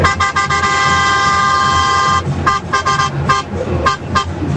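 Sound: truck horn honking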